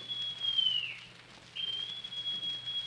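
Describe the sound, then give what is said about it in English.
Long John Silver blows a whistle: two long, thin blasts, the first sagging slightly in pitch as it ends, separated by a brief pause, over a low steady background hum. “Then Silver brought out a whistle.”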